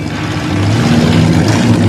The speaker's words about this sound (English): Meanwhile, Ferris drives his friends down a busy city street. He pulls into a parking garage and stops the car.